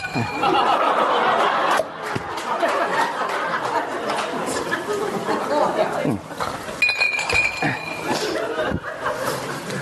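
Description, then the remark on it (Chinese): Wine cups clink together in a toast between Cao Cao and Liu Bei, a bright ringing knock that stands out against a busy background of laughter and lively chatter from a group of people. “哎，干！ 你慢点，你那别碰碎了，我这。”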